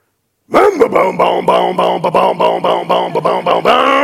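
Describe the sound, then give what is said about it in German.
A voice imitates a two-stroke chainsaw starting: a sputtering pull, then a rapid string of buzzy, pulsing revs at a steady rhythm, loud throughout and ending in a sustained rasping drone. “Achtung, wir starten die Zweitakter-Kettensäge.”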